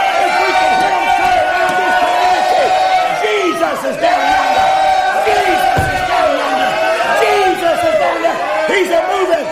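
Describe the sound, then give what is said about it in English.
A large crowd shouts and cheers continuously, a dense roar of many overlapping voices with rising and falling yells throughout, steady and loud for the whole stretch. “They're shouting, they're weeping, they're crying, they're getting blessed, and they're singing songs about thank you. We'll bring a crowd in, amen.”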